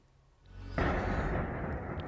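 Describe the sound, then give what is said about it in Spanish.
A low rumble builds, then a sudden loud explosion bursts out as a Russian drone strikes the tenth floor of an apartment block in Romania before dawn, its payload exploding and starting a fire, followed by a sustained roaring, crackling wash of noise that lingers without fading much, with no voices. “Van a ver el impacto en la pasada madrugada de un dron ruso contra el décimo piso de un bloque de viviendas en Rumanía.”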